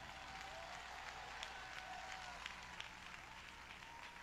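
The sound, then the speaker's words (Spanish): A church audience applauds in praise of God during a sermon, in a steady, dense wash of clapping that holds evenly throughout, with a few sharper claps poking through and faint crowd murmur underneath. “Vamos, si lo va a aplaudir, que se oiga.”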